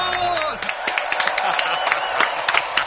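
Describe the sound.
An audience breaks into loud, steady applause for a band from Burgos on the stage at the plaza of the Hoy por Hoy radio show, many hands clapping in a dense, rapid patter, with a brief voice trailing off at the very start.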